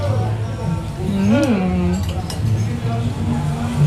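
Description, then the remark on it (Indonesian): Goat meat curry (gulai daging kambing) being stirred, with a few light, irregular clinks of a utensil against a dish over a steady low background hum and a brief murmur of voice. “Sambil kita ke menu selanjutnya, yuk nih kita langsung aduk-aduk ya.”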